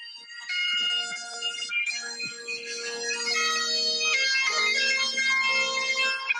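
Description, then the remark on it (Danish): Bagpipes, recorded as a phone voice memo in London on a rainy day, play without pause, a steady buzzing drone held beneath a shrill, reedy melody that shifts between notes. The tune stays bright and fairly loud throughout, with no voices. “Den her memo, den hedder sækkepipe på min telefon, den tænker jeg tilbage på ret tit, men jeg har aldrig brugt den.”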